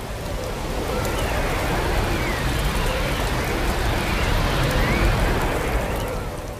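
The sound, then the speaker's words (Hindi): Heavy rain pours down with a dense, steady hiss while wind rushes through it, loud for the whole stretch with no voices and no breaks. A storm, with rain falling on and off through the night. “रात भर रुक रुक कर बारिश होती या बर्फ गिरती।”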